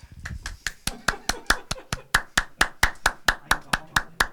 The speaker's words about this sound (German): Ja, Applaus. Darf ich um Applaus bitten?